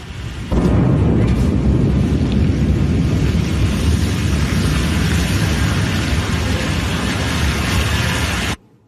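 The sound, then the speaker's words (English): A Blue Origin New Glenn rocket explodes in a fireball during a late-night launch pad test in the US: a sudden, massive blast that swells into a loud, sustained rumbling roar for several seconds, heavy and booming, shaking nearby homes, with no voices. “A Blue Origin rocket has exploded in a fireball during a late-night US launch pad test, shaking nearby homes.”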